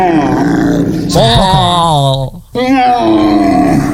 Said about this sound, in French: Un chevreuil. Oui, un chevreuil qui crie comme ça. Ah, en rut, ça peut, c'est jouable.